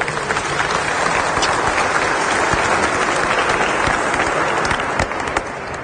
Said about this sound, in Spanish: Palabra del Señor. Vas a darle un aplauso a la palabra de Dios, por favor.